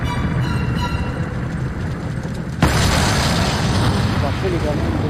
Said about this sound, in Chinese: 驾驶员跟我说，你不把这枚哑弹从坦克里弄出去，我就不起步。非常小心地抱着哑弹，把它丢了出去。就在落地的一瞬间，它爆炸了。